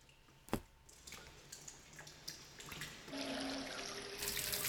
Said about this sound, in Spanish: Y lo que están viendo son imágenes de la fuerza de la lluvia en Benetúser, Valencia, como las tormentas han causado inundaciones en calles y viviendas.